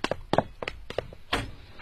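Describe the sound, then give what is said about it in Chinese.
A door is opened for police detectives: a quick run of wooden thunks, knocks and latch clicks in an irregular rhythm, with no voices. “开门吧。”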